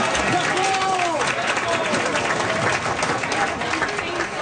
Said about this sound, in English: The voices of some soccer fans yesterday afternoon at the Sir John A. Pub on Elgin Street.